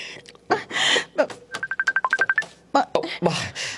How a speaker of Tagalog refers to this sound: Ang cellphone ko.